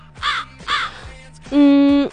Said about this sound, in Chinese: 哎，这个乌鸦的声音呢？